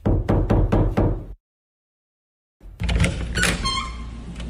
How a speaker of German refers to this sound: Ich klopfe nun an die Tür.